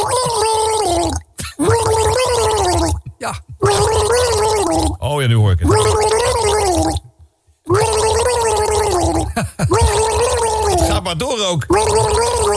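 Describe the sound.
A person gargles the melody of a record for a guessing quiz, a bubbly, wavering tune carried in sustained gurgling phrases with short breaks, loud and steady, with a brief spoken remark in between.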